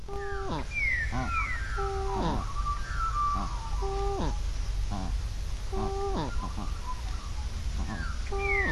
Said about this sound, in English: Are there two birds creating that sound, Joe? Yeah, quite likely, yeah.